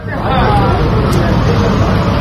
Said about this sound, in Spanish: es que a veces, cuando quieren entrar en su pueblo, el ejército israelí lo cierra, y lo hace con una barra metálica que impide el paso de los coches, y hemos visto cómo se iban, bueno, amontonando ahí los coches. Vamos a escuchar el sonido ambiente.